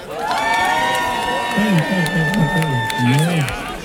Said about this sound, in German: Lauter, macht mal Applaus!